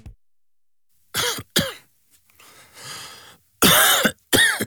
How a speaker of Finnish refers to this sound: Hei, älä suotta köhi. Ota Gelorevoice.